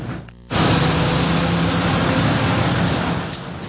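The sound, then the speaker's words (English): A dense, steady roar of busy midday traffic on Huron Church Road on July 13th, two weeks before the Gordie Howe Bridge opened, with heavy trucks heading to the U.S. and entering Canada, rushes in after a brief quieter moment, holding loud and continuous before easing slightly at the end. No one speaks. “We went midday, and as you can see, it is quite busy with trucks heading to the U.S., while plenty more entered Canada”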